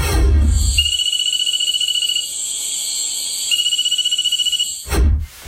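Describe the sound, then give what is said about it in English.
A nursery frog calls in two long bursts of rapid, high-pitched trilling pulses, shrill and insect-like, with a short pause between them and no voices. “I'm not copping out of this one, but I think it's a Cophixilus frog, so a nursery frog, but I can't tell you the exact species.”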